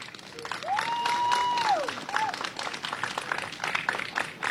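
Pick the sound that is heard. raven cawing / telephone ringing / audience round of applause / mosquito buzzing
audience round of applause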